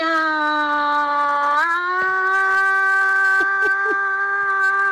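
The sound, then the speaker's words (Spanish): A single loud, sustained recorded shout, a short final shout, held at a steady, fairly high pitch, stepping up slightly partway through and wavering briefly a few times near the end, with no talking. “Voy a poner un gritito final.”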